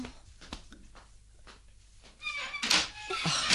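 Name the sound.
door being opened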